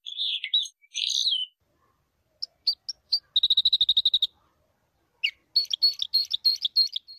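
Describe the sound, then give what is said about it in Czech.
Red crossbill song, a small songbird of coniferous forests: bright, high-pitched chirps and warbled phrases in several bursts, including a fast, evenly spaced trill of about a dozen notes, with short gaps between phrases and no talking. “Krstokljun, mala ptica pevačica koja nasanjuje četinarske šume i zahvaljujući svom neobičnom kljunu lako dopire do semenja i šišarki.”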